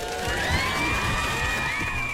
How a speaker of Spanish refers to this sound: Aplausos para él, por favor.